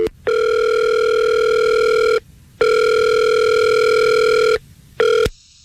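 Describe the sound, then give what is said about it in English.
Ringback tone of an outgoing phone call to Adam's phone: two steady electronic rings of about two seconds each with short pauses between, then a brief third ring cut off abruptly. No voices. “See, now we call Adam's phone, and a woman answers the phone.”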